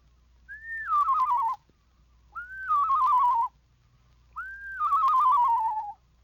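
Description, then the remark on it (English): A person whistles an imitation of a screech owl's song, a la-la whistle on a lower descending scale: three wavering, quavering whistles, each sliding down in pitch, with short pauses between them. The whistles are clear, with no talking. “Make the same whistle on a lower descending scale, and you have the song of the screech owl.”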